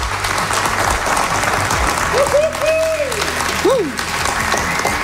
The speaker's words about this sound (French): On va se repartir une petite ronde d'applaudissements pour montrer qu'il y a du monde dans la salle.